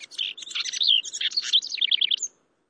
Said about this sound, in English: at least until next spring, when that male house wren gets busy again.